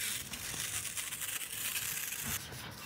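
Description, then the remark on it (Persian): Adhesive tape is pulled off a roll and pressed onto surfaces in a home during renovation, a steady crackly ripping that runs for a few seconds with a brief shift near the end. No one speaks. “من انقدر چسب زدم دیگه باید جایزه چیزی بهم بدن، یعنی هر کسی ادامه دار نشد بیا تو کار چسب زدن به خونه های مردم.”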